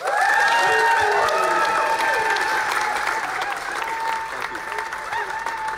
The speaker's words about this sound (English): Andy Burnham enjoying the applause, a victory speech after an incredible victory, winning by more than 9,000 votes.